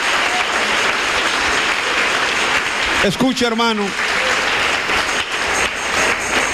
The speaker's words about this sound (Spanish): Ahora sí, dale un buen aplauso a tu Dios, porque Él murió en la cruz para que seas bendito.